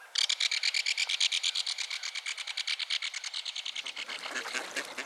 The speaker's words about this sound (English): Several pairs of mallards paddle around the shallows, quacking companionably as they dunk their heads in the water looking for food.